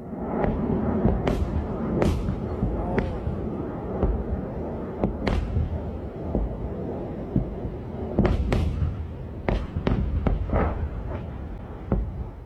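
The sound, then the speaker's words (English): Repeated sharp booming pops from PAC-3 Patriot missile interceptors launching in Bahrain, several fired at each incoming drone and missile, irregularly spaced and sometimes in quick pairs, over a constant low rumbling roar with no talking. “each of those pops, those are PAC-3 Patriot missile interceptors, $4 million a hit”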